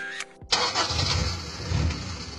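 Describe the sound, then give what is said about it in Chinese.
A ten-year-old car's engine cranks briefly with a short whine from the starter, then catches with a loud burst and settles into a steady, rumbling idle with a low throb. “对嘛，像我这种10年老车妥妥的该退居2线了，超龄上岗有安全隐患，更何况咱们这不是单纯退休，是再就业。”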